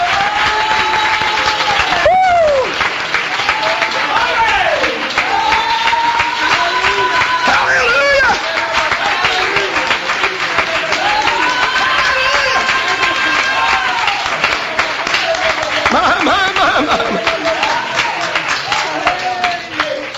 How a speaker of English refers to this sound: Give the Lord a clap offering this morning.